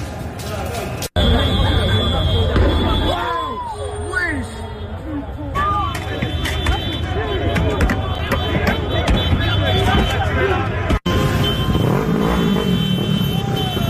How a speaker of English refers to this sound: You had a situation where the Paris team won the Champions League game against Arsenal, and the people of Paris, at least a lot of them, decided to burn the city down, or at least try to in response. This is what it sounded like.